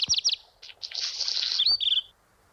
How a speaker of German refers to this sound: Das ist ein Hausrotschwanz, den ihr da hört. Der kam an meiner neuen Vogelfutterstation auf dem Balkon leider noch nicht vorbei.